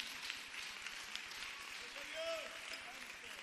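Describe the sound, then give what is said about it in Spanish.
A church audience applauds the Lord steadily, a dense patter of many hands at an even, moderate level throughout, with a brief voice or high cheer rising above it partway through. “Fuerte ese aplauso al Señor, aleluya.”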